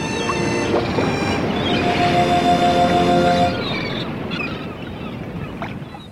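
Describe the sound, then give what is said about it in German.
Seagulls cry in drawn-out, high-pitched calls over a steady rush of wind and surf on Radio Nordernei. The calls are strongest in the first half and then fade, leaving only the windy seaside noise. “Radio Nordernei, frischer Wind und Möwengeschrei.”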